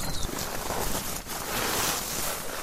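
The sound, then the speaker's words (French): A steady, continuous wash of water around a small rowboat (a gabarou, a barque) while fishing nets are laid, with some wind noise over the microphone and no distinct strokes or voices standing out. “C'est un petit nom, le petit bateau sur lequel nous sommes, là. Un gabarou, une barque.”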